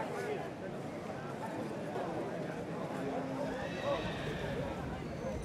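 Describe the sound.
A horse whinnies with rising, wavering high-pitched calls amid a busy, steady background of hooves clopping and indistinct murmuring voices.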